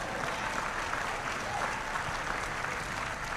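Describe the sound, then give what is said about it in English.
A crowd applauds God, a dense, even patter of many hands clapping that holds at a constant level for the full few seconds, with no voices standing out. “Yeah, but don't clap for him.”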